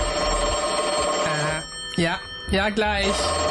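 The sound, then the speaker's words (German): A telephone rings continuously in the background while someone speaks over it, the steady ringing tone persisting underneath the talking throughout. “Heute vor 150 Jahren war das zum allerersten Mal möglich, dieses fernmündliche Telefonieren.”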